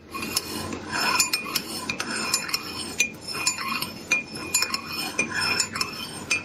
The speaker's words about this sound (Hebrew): זה כוס זכוכית שמזיזים אותה מצד לצד. לא, לא.